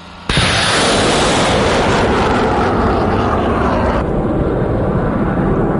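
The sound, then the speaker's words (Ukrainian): A HIMARS launcher fires a rocket toward the enemy: a sudden, very loud blast becomes a sustained, powerful roar that barely fades over several seconds, with no voices. “За кілька хвилин повідомляють, небо чисте, «Хаймарс» повертається на позицію і таки посилає ракету у бік ворога.”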